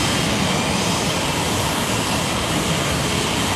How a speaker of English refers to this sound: Our jet is a little bit smaller and a little bit more quiet